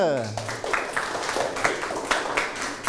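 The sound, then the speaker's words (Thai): A group claps together in a steady stream of overlapping hand claps for the second group's score of four hearts in a game, with a voice talking over the applause. “ือกลุ่มที่สองโอ้ได้เยอะได้สี่ดวงปรบมือ”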